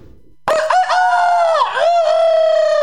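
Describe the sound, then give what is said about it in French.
A rooster crows loudly, one long sustained cock-a-doodle-doo with wavering pitch that starts abruptly after a brief low rumble and holds for over two seconds. “Je vais vous raconter l'histoire d'un coq dans une basse-cour qui se regardait dans un miroir au moins 50 fois par jour.”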